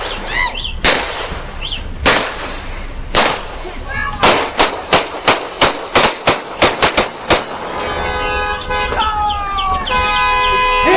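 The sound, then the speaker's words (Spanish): Repeated gunshots ring out as a man fires his pistol shot after shot and police officers stop him with gunfire: a few scattered loud cracks, then a rapid burst of about a dozen sharp shots, followed by steady blaring horn-like tones that drown out the end. “Los oficiales de policía habían atendido otra llamada de emergencia y de paso vieron a este hombre disparando balazo tras balazo y simplemente lo detuvieron a tiros.”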